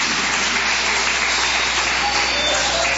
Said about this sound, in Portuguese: E as palmas para Jesus.